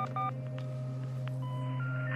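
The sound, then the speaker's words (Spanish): A telephone number is dialed on a telephone handset by a man seated at his office desk: a quick run of touch-tone beeps, followed by a few steady electronic tones stepping upward, all over a low, constant hum. “Marca y mueve los dedos de una mano sobre el escritorio.”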